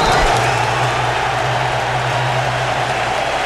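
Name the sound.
stadium crowd applause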